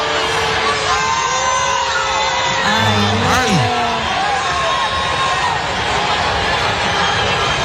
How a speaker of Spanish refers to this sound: escúchate el abucheo que le hicieron aquí de Burum